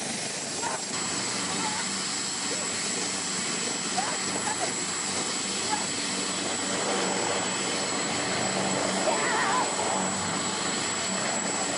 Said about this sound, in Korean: 어때? 내가 탄 헬리콥터야. 멋지지? 어디서든 뜨고 어디로든 가고 어디서든 머물고 어디든 착륙하는 이 헬리콥터의 비밀은 뭘까?